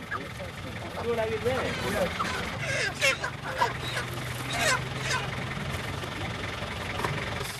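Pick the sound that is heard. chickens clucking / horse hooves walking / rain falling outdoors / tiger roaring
chickens clucking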